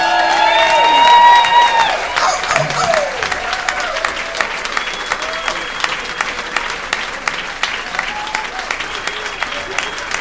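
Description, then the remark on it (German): A crowd at a premiere breaks into loud, enthusiastic applause welcoming the original voices of Äffle and Pferdle. High whoops and cheering voices come at the start, then dense, steady clapping carries on for about ten seconds. “Begrüßet mit einem Wahnsinnsbeifall”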